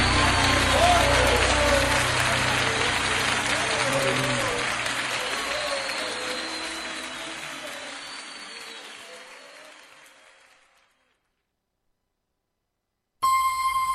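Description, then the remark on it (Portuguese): An audience applauds the Lord in worship, a dense, sustained wash of clapping that gradually fades out over about ten seconds, followed by silence and then a brief burst of other sound at the end. “Vamos aplaudir ao Senhor, o Rei dos Reis, aquele que vai restituir a tua vida, meu irmão.”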